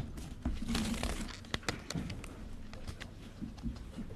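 Paper rustles and crinkles in short, irregular bursts with a few sharper crackles, as a new sheet of paper is handed over and handled because a notebook is full, over about four seconds, with no one speaking.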